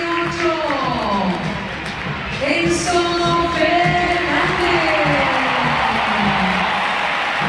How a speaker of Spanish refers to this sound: Bastante aplaudido, ¿eh? Bastante aplaudido.